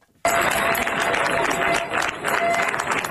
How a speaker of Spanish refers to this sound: Así han despedido entre aplausos los vecinos de Niebla los efectivos de la Unidad Militar de Emergencias, que han comenzado su repliegue después de 10 días de lucha contra un incendio que ha recorrido más de 38.000 hectáreas.